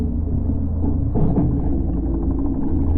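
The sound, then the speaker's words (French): A fishermen's boat engine rumbles overhead in a steady, low, droning hum as the boat casts and tows a fishing net, holding an even loudness for the whole few seconds, with a slight swell partway through and no voices. “Oh, un bruit de moteur au-dessus de nous.”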